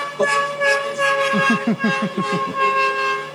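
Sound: car horn honking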